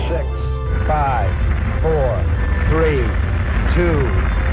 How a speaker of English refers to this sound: 6 5, 4, 3, 2, 1, 0. All engine running. We have a liftoff. Liftoff on Apollo 11.